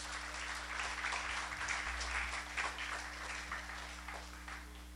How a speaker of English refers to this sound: Right, so we have the photographers here. Let's say a round of applause.